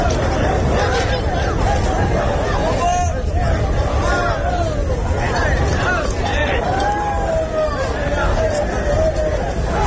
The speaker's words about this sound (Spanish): Sonido de ese encierro del pilón con vacas de Pedro Domínguez que han volado por el recorrido, prácticamente 50 segundos de encierro